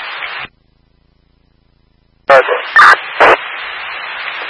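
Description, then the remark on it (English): Three quick, loud barks from two friendly dogs inside, heard through a crackling emergency dispatch radio channel with steady static hiss before and after a brief silence. “Caller did report the dogs are friendly. They do bark, but they are friendly dogs.”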